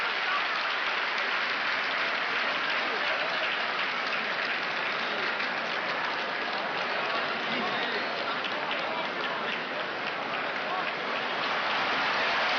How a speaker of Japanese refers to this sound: 大きな拍手に包まれる東京両国の国技館です。